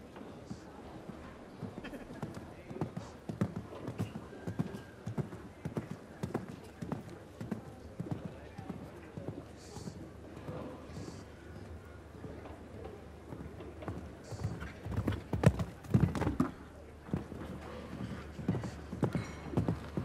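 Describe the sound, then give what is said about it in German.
Rhythmic galloping hoofbeats thud steadily across the whole stretch, a horse cantering through a show jumping jump-off round, with a louder burst of heavier hoof strikes around the middle and a murmuring crowd beneath. “So, von der Anzahl der Galoppsprünge genauso wie Weißhaupt leider ein bisschen zu flach geworden, das Pferd.”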